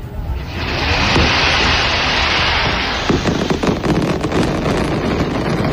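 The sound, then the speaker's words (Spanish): Fireworks at the traditional Alba night festival in Elche: the Gran Palmera rocket display followed by a battle of carretillas. A loud, dense roar of hissing rises within the first second, then rapid crackles and sharp bangs burst through the continuous rushing noise, with no voices. “se ha celebrado la tradicional DIT del Alba con el disparo de la Gran Palmera y la guerra posterior de carretillas”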